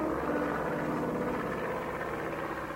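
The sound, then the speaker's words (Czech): A small propeller plane drones steadily overhead, its buzzing engine tone holding even and fairly loud throughout, with no voices. “Letadlo s rychlou rotou se stačilo jen tak ukrýt v koruně blízkého stromu.”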